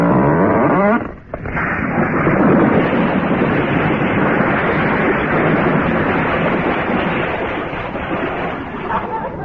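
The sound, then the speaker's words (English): A loud, steady roar of storm wind at sea as a boat approaches a harbour jetty, thick and rushing, with a brief drop about a second in. A voice is faintly heard at the start beneath the gale. “The storm's coming round. It'll clout the jetty.”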